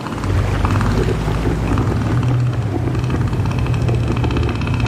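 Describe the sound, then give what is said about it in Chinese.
A male northern elephant seal, its huge nose inflated, roars, a deep, guttural, pulsing bellow that stays loud and steady for about five seconds, with no talking over it. “他们鼓起巨大的鼻子，发出低沉而响亮的吼声。”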